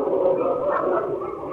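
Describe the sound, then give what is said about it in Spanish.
Several dogs bark and yelp together in a dense, overlapping chorus that stays steady and fairly loud throughout, with no one talking. “Ahí está, los perros están ladrando.”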